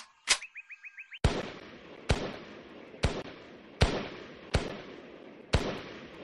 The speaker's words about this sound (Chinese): 随着一串清脆的枪声，爆靶员很快就爆出了成绩。 15发，147环。